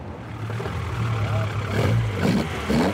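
The engine of a 1973 Opel Ascona A, a replica of the rally car driven by Walter Röhrl and Jochen Berger, runs with a steady low rumble at the classic-car petrol station in Rothenburgsort, then revs up and swells louder around the middle before settling into a rough, uneven drone.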